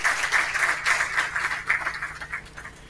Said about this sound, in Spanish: Un hito, yo creo que merece un aplauso, ¿eh? De todas maneras.